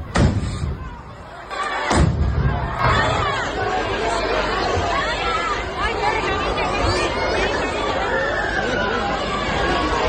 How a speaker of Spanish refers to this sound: Bueno, pues como escuchamos, esas detonaciones en mitad de la plaza, esos gritos y esas preocupaciones que escuchábamos por esas personas que se encontraban ahora mismo en ese momento en Noain.